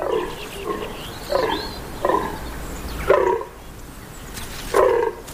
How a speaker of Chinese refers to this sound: 雄性天鹿每小时可以发出超过3000次叫声。